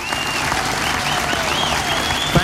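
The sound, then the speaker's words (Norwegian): A crowd applauds the office helpers, a dense wash of many hands clapping at once with no break, while faint whistling tones rise and fall above the clapping. “La dem få en skikkelig applaus.”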